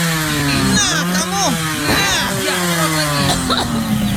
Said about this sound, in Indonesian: Bukan asap penalpot motor lagi. Ya udah matiin itu motor. Napas, Mak, sudah sesek ini karena asapnya. Matiin cepetan,